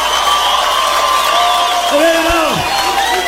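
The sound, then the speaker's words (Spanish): A large audience in Guatemala applauds and cheers loudly and steadily throughout, with sustained crowd roar and a few rising whistles or shouts breaking through near the end. “pasó con los aplausos, Guatemala?”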